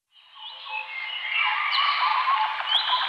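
A dense chorus of birds chirps and trills continuously, many calls overlapping into a bright, busy wash of song that swells slightly and holds steady, with no one talking.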